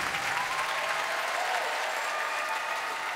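Sustained audience applause fills the whole stretch, a dense, steady wash of many hands clapping at once, fairly loud and even without breaks or voices standing out.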